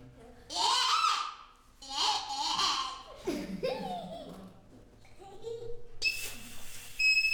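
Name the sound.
duck call being blown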